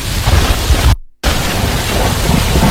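Heavy rain at night, growing heavier, pours in a dense, steady roar with a low rumble underneath, broken by a brief moment of total silence about a second in before the downpour resumes just as loud.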